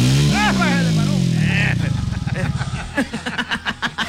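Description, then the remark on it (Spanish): A Suzuki Viva 150 FI ABS motorcycle engine revs up loud, its pitch sliding down before settling into a rhythmic, pulsing putter at idle, with brief voices over the start. “¿Cómo suena esa moto? Acelere eso.”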